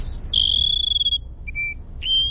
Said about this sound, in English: All right, that's the Cassin Sparrow.